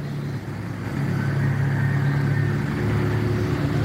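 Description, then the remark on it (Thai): A large vehicle's engine rumbles steadily, its low drone swelling slightly as a tour bus drives past a group riding in a pickup truck, with no voices heard. “ในขณะเดียวกันรถบัสทัวร์วิ่งผ่านพวกเราทุกคนก็ไม่ได้เอะใจอะไร”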